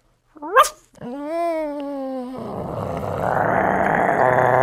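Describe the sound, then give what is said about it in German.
A human voice imitates a small dog: a sharp, high yip, then a drawn-out whining tone, shifting into a raspy, rough growl that grows louder toward the end. “Ein kleiner Hund.”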